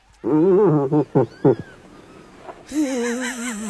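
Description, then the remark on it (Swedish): An irritated cow moose vocalizes: a loud, wavering moan, a few short grunting bursts, a brief pause, then another long quavering call with no talking. “Nej, det är en irriterad älgko.”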